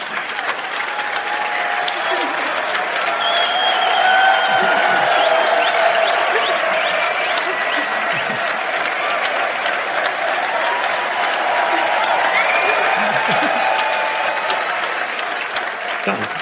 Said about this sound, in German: einen riesen Applaus